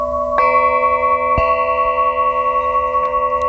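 Chimes played by a professional are struck twice about a second apart, each hit ringing out with bright, sustained metallic tones that linger and overlap, with no talking.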